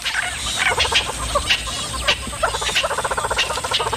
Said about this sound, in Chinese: 这只雌性花豹眼下需要好好休息，可他的邻居们偏不让他安宁。这些鸟类对花豹满是戒备，只要看见花豹就会发出响亮的叫声提醒同伴。